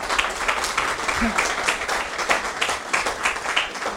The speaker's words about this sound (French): Voilà, merci. Merci à vous, je crois qu'on peut vraiment les applaudir, hein, parce que...